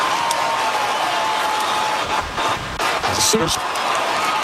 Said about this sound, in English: Oklahoma has answered, and this crowd in the south end is all worked up.